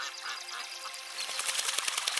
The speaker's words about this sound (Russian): Сначала слышны негромкие всплески. Это утки поднимаются с воды.